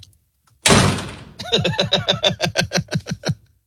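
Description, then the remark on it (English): A loud thud opens, then a quick run of about a dozen sharp, evenly spaced knocks on a door rattles, stopping abruptly. “Who's at the door?”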